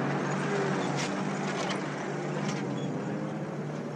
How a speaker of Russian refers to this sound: Грузовик Андрея срывается с места и несется по пыльной дороге.